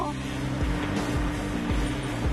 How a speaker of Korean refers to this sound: 아, 완전한 봄이어서 트랙터들도 많이 나와 있고 이 예천에 왔는데 오늘은 또 어떤 집일지. 웬 트랙터 한 대가 달려오네요.